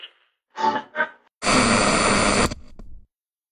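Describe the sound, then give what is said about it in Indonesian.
An old radio with a broken tuning knob and worn internals crackles with static: two brief hissy bursts, then about a second of loud, dense crackling noise that cuts off abruptly and fades into a faint tail. No voices. “Walah, radio tua penjelajah zaman.”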